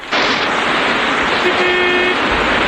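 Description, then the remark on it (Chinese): A small sedan roars past at speed toward the bank of the Wu River (Wujiang), its loud engine and road rush filling the scene, and midway a single steady horn blast sounds for about half a second over the noise. “浮桥上挤满了敌军官兵，那辆小轿车也冲到了岸边。”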